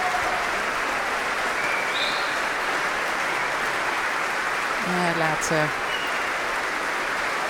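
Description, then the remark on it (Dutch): Sustained, dense applause from a large concert audience, steady and enthusiastic throughout, as a Finnish conductor comes back down the stairs and the Concertgebouw Orchestra stands to receive it, while a man speaks briefly over it near the end. “het orkest weer opstaan om dit zeer enthousiaste applaus in ontvangst te nemen.”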